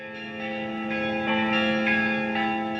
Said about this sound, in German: Seit über 800 Jahren sind die Glocken der Domkirche von Visby zu hören.